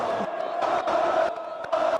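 A stadium crowd roars and cheers after the final whistle in a dense, sustained wash of voices, with brief surges and shouts rising above the steady din throughout.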